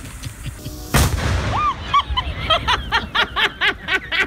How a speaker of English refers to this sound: Can you play that again, Kush? That's glorious. This was a redneck explosion.